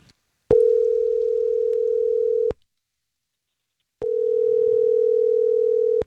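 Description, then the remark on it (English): Two long, steady ringback tones of an outgoing phone call to a woman, each lasting about two seconds with a short silent pause between them, clear with no voices. “Let me see if I can get her on the phone and try to figure out why she ghosted, okay?”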